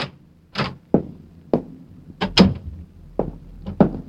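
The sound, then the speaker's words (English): A series of sharp metallic clicks and wooden clunks, irregularly spaced, as a door that had been locked before is opened, with no voices. “Managed to get them on in the right order and made it to the door that had been locked before, but it wasn't this time.”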